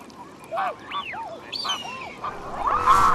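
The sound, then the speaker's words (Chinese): Mute swans call on Wuliangsuhai Lake in China, their largest breeding ground in the country: a string of short, nasal, arching honks, several overlapping from different birds, ending in a louder, harsher cry over a faint watery background. “同小天鹅一样，它亦是天鹅属鸟类，但因为天鹅有黑色油状突起，所以被称为油鼻天鹅。”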